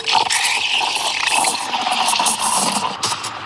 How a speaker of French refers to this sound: Et ensuite, on met son lait dans le pichet. On va le chauffer à la buse vapeur de la machine à expresso.